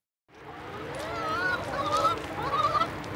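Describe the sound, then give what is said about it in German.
Chickens cluck and call over one another in a continuous, overlapping chorus of bird vocalizations, steady, with no one speaking, on a farm with a farm shop in Ochsbüll, a village near Flensburg, Germany, on a hot weekend. “Hier leben mehr Hühner als Menschen.”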